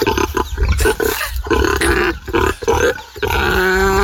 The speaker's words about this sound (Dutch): Onze varkens die eten krijgen. En ze vinden dat fijn zo te horen. Ze genieten ervan met volle teugen.